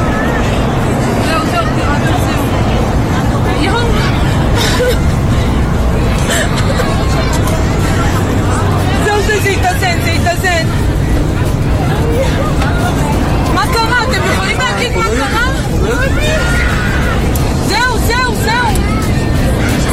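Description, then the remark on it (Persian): Many passengers on a flydubai flight bound for Tel Aviv talk over one another in a steady, busy murmur moments after the plane's sharp drop in altitude, with a constant low engine drone filling the cabin throughout. “اما این تصاویری که میخوام براتون پخش بکنم از پرواز هواپیمای فلای دوبی در مسیر تل‌آویو، لحظاتی پس از کاهش شدید ارتفاع هواپیما رو نشون میده، زمانی که مسافران هنوز از جزئیات اتفاقی که در داخل هواپیما در حال رخ دادن بود هیچ اطلاعی از اونها نداشتن.”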